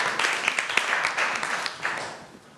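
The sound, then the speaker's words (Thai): Students in a classroom clap together to encourage the first group of classmates before they present their activity results, a steady, crackling burst of applause that holds for a couple of seconds, then thins and fades toward the end. No one speaks over it. “กลุ่มที่หนึ่งนะคะขอเสียงปรบมือเป็นกำลังใจให้เพื่อนของเราก่อนนะคะ”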